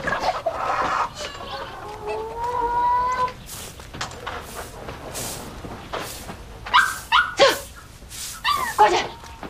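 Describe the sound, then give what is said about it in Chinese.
A dog barks in a string of short, sharp bursts, the yaps coming irregularly over the latter half after a stretch of drawn-out, tonal animal calls. “哎，你做什么了？打几马狗嘞？”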